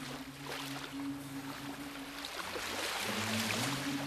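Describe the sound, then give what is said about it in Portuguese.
Continuous rushing, splashing water with a steady low engine drone underneath, like a boat moving through waves. Moderately loud, with no voices. “E enquadrados com este som da água”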